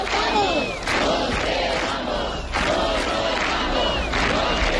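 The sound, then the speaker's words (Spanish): A large crowd protesting over housing chants in unison in Madrid's Puerta del Sol, where hundreds of people are camped, loud and dense, with rhythmic shouted phrases repeating about every second and a half over a constant roar of many voices. “Esas protestas tienen su epicentro en la mismísima Puerta del Sol de Madrid, donde cientos de personas permanecen acampadas desde el pasado fin de semana y no tienen intención de marcharse.”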